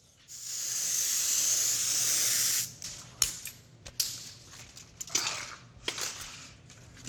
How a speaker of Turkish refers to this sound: Süngerin iki tarafına ve dolgu elyafına kalın bir katman yapıştırıcı püskürtüyorum.